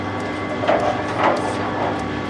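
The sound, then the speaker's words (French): A coffee roaster's cooling-tray mixer, switched on for the cooler while a Guatemalan coffee finishes roasting, runs with a steady mechanical hum and low rumble, tonal drone throughout, with two brief louder scraping swells rising over the constant whir. “Je vais allumer le mixeur. Ouais. Pour le refroidisseur.”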